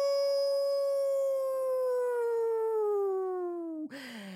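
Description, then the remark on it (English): A single long, sustained howl from a human voice imitating a coyote, a steady tone slowly sliding downward over about four seconds before breaking off abruptly, loud. “That's when the coyote howls.”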